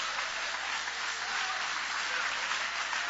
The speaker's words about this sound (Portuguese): Pode tomar o vosso assento, guarda a Bíblia com carinho e podem aplaudir, podem adorar, podem louvar.